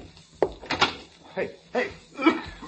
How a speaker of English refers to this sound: Open the door to the hall.